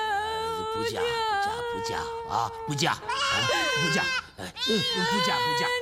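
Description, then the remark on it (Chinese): A household's lambs bleat loudly and almost without pause, with the family's chickens also in an uproar. A run of long, quavering calls wavers in pitch and overlaps, with only brief dips between them. “你看小羊小鸡， 对，听说要让你嫁，你看咱家的鸡呀羊啊，都鸡飞狗跳了”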